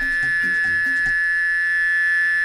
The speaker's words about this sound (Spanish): Ya encontré un sonido de una chicharra, vamos a escucharla.